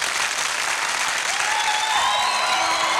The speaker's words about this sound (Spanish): ¿Lo puedes confesar en esta tarde por medio de tus aplausos?